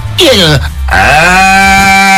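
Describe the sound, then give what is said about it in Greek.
A person's voice imitates a cow with a loud, drawn-out, low moo that swells after a brief rising start and holds steady to the end, alone. “Εγώ κάνω διάφορους χαρακτήρες, μάλλον αγελάδες με διαφορετικούς χαρακτήρες.”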